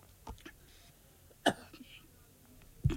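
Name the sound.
cough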